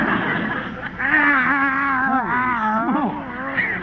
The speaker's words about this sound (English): Another cat following me. Oh, isn't that sweet? Those darling little kitties like you. Kitties? These are Skid Row tomcats.